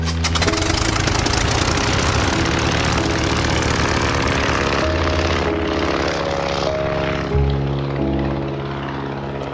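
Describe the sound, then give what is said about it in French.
Gianni Agnelli's propeller airplane roars loudly and steadily as it takes off from Turin under an overcast sky on 19 November 1953, bound for Osthofen, a small Alsatian village. Its engine drone shifts in pitch as it powers up, with no voices present. “L'avion de Gianni décolle, malgré la menace, direction Osthofen, un petit village alsacien.”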